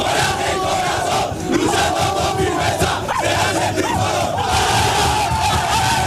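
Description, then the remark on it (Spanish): A group of men in the Málaga football team's locker room roar a loud, sustained rallying shout together, voices overlapping in a dense, continuous chant with rising cries near the middle and a steady wall of crowd noise throughout. “Creo que era … el último que daba ese grito de aliento.”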